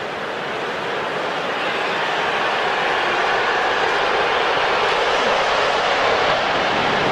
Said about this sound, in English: Here comes another one. That plane was moving. It could be loud here when those planes buzz us. We got a lot of that yesterday, the day before.